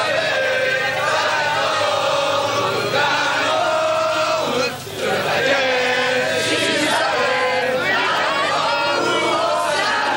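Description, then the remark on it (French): Striking high school students from Zola chant a rhyming protest slogan in unison while walking to the Rennes 2 university campus, loud and steady, with repeated shouted phrases and a brief dip in the middle before the chanting surges again. “La rime n'est pas riche, mais l'humeur est bonne lorsque les lycéens décident de rejoindre à pied le campus de l'université de Rennes 2 où les étudiants de lettres en grève tiennent une assemblée générale dans un amphi surchargé.”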